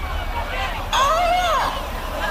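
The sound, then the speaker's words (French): The neighbour's parrot lets out one drawn-out, harmonic call that rises and then falls in pitch, standing clearly above a steady low murmur of background noise. “Le perroquet de la voisine.”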